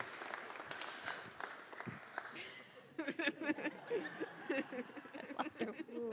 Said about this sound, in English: Let us greet the newest member of the family of God with our applause.